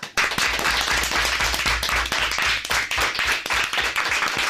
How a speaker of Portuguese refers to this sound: que se hagan notar también los aplausos en el estudio José Hermida de Radio Pontevedra de los alumnos de quinto y sexto del CEIP Nosa Señora das Dores de Forcarei, que vinieron a conocer a Radio por dentro. Así que, rapaces, que se vos faga notar.